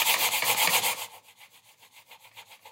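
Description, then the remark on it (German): A computer mouse scrapes across a table in quick back-and-forth strokes, a harsh, rasping rub like sanding. Loud at first, then the strokes continue softer and evenly rhythmic. “Hört mal genau hin, wenn Solin mit ihrer Maus über den Tisch fährt, wie das klingt.”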